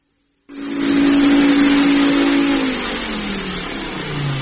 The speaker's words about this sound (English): My goodness, Mum, what is that? Well, it's my super-duper vacuum cleaner. I got your father to bring it over. Thought I'd give the house a once-over while the baby was still awake.